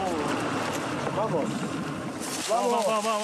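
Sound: boat moving on water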